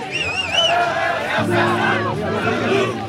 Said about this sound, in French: Et pendant ce temps, il y a des centaines de jeunes gens qui hurlent dehors, …, fasciste, violeur et assassin.